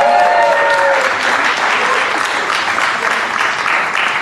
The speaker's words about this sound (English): But don't clap too hard for her, though.